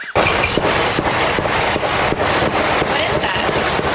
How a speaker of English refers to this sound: Dozens of gunshots going on behind her. Sounds like fire.